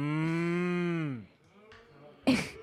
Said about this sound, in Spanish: Mira cuántas vacas hay por aquí.